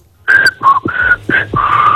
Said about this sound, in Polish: Wiesz co za melodię, co pani zagwizdała? Nie wiem. No jak nie wiesz? Słuchaj tego jeszcze raz.